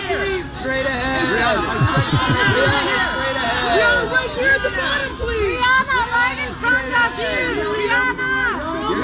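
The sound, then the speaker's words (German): A crowd of photographers at a red carpet for the Metropolitan Museum of Art exhibition shouting over one another at a star to look to the right, many loud overlapping voices calling out in a continuous, chaotic hubbub. “Da schreien sie gerade Triana an, sie sollen sie mal wieder nach rechts schauen und dann mal so schauen und so und so.”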